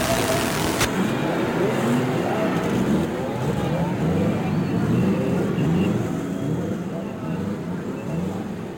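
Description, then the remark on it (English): Racing car engines roar loudly and continuously at the start of the race on the straightaway at the Indianapolis Speedway, a dense, rumbling wall of sound with a busy crowd-like din mixed in throughout. “From the straightaway at Indianapolis, the sound of the racing engine as each car roars its challenge to another.”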